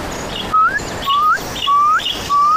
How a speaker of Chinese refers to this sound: 一阵急促的鸟鸣打破了夜晚的幽深。